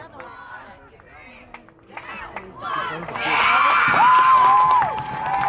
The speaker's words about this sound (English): St. Joe crowd feeling the game is just about over, starting to kind of give their team a loud applause as we're dwindling down under 10 seconds left now.